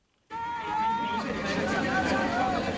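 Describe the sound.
A loud, dense crowd of spectators in a sold-out exhibition hall in Shanghai cheers and shouts continuously during the last metres of a sports competition, a steady roar of many voices with a few drawn-out calls rising above it, starting abruptly after a brief silence.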